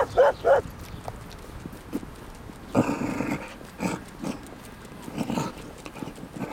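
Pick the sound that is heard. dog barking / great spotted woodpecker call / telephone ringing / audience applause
dog barking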